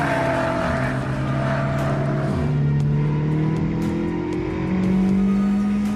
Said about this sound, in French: Ah, on sent que le moteur est quand même bien plus pointu que celui de la Mégane RS ou la Mégane RS Trophy. Déjà parce qu'on a 350 chevaux, hein, c'est 50 chevaux de plus que la Mégane Trophy.